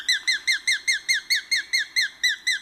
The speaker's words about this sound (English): And the sharp-shinned hawk.